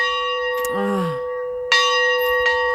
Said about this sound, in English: You might know him from those famous bells that we have played every time we talk about his church.